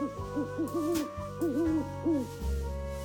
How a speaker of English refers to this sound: Look, an owl.